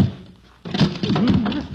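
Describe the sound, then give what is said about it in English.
A person stumbles on steps: a sudden scuffing thump breaks a quiet moment, followed by a wavering vocal groan or exclamation with no clear words that carries on for about a second. “Stumbled.”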